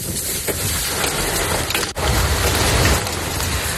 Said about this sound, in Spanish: En el norte de la provincia de Almería así sonaba el granizo en la localidad de Macael.